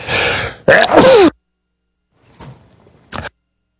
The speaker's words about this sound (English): Me, I'm sneezing here. It's cold.